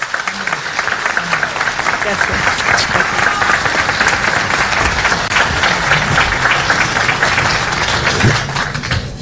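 Sustained audience applause, a dense steady wash of many hands clapping at an even, loud level for about nine seconds, with no one speaking over it.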